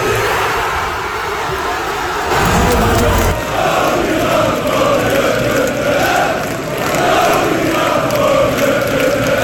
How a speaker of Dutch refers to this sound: Honderden mensen die samen naar de wedstrijd keken in Tivoli-Vredenburg in Utrecht, die konden juichen in de 72e minuut.